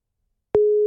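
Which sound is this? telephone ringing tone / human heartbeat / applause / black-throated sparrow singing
telephone ringing tone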